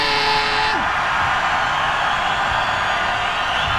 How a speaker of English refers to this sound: Yeah! I think you need to scream like that again for all the people that can't be with us. They haven't listened to the radio. Let me hear you scream one more time!